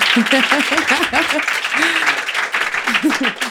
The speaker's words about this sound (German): Großen Applaus bitte für